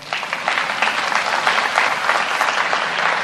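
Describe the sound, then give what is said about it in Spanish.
A church audience applauds themselves during a sermon, a dense, even wash of many hands clapping at a fairly loud level throughout, with no voices rising above it. “Era para un aplauso.”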